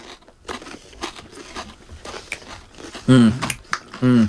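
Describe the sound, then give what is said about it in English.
Crunchy chewing of a loaded corn chip taken whole in one bite, a run of crisp crackling bites over a couple of seconds, followed by two loud voiced murmurs of appreciation near the end. “You can't bite it because it'll go all over you. You got to take the whole thing.”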